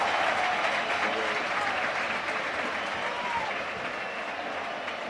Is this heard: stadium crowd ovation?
yes